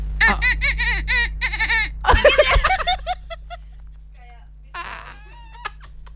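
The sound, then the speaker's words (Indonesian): A voice mimics a trumpet with a quick run of bright, buzzy toots, followed by a noisy outburst and scattered laughing sounds, fairly loud. “Trompet Kak, trompet.”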